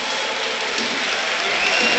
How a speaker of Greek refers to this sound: Και το χειροκρότημα που ακούτε είναι για τον Ρόμαν Γιάρεμτσουκ που παίρνει τελευταίες οδηγίες από τον Χωσέ Λουίς Μεντιλίμπαρ.